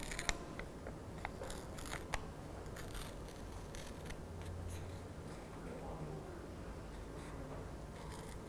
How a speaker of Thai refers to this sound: ก็ฉีกกระดาษนะคะเป็นเส้นนั่นเองค่ะค่อยๆฉีกเลยดึงมือเข้าหาตัวเองแบบนี้นะคะ